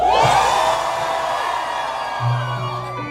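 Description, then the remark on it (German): A large concert crowd roars and cheers continuously in the rain at a concert broadcast by Radio Freiburg and Radio Rabe, with high whoops and shouts rising out of the dense wash of voices, loud and sustained for the whole few seconds. “Das heisst, ihr könnt jetzt so laut nach jedem Song schreien, dass die Leute das Gefühl haben, boah,”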